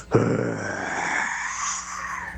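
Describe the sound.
A child's voice, in an audio message sent in to the radio station Stereo Hits, imitates a dinosaur roar: one long, raspy growl that bursts out loudly and holds for about two seconds before trailing off.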